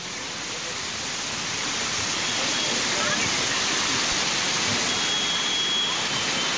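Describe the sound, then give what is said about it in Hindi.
Heavy rain with wind in Mumbai: a loud, dense, unbroken hiss and roar that swells slightly in the first seconds and then holds steady, with no voices and no clear gaps. “बड़ा सा पेड़ गिर जाएगा, क्यों, क्योंकि बारिश हो रही है, बारिश के साथ हवाएं चल रही हैं और इस वजह से कई जगह पेड़ भी गिर रहे हैं।”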